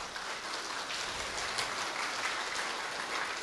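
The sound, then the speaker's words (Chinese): A crowd in Tucheng applauds to honor their master, a steady, dense wash of clapping, continuous and even in loudness for the whole stretch, with no voices over it; it has a hissy, rain-like texture. “所以借助于今日能够在我们土城来弘扬师父妙法的时间，大家表示对师父的尊敬与感恩，所以借助大家，请大家我们一起来为师父为师父的伟大，我们给予掌声，而且他们每一位。”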